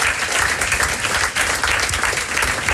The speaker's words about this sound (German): Und da freut es mich natürlich umso mehr, dass mein heutiger Gast sich Zeit genommen hat, extra zum Vorbeikommen und begrüßen doch mit einem herzlichen Applaus das SRF-Aushängeschild und Moderatorin Jennifer Bossart.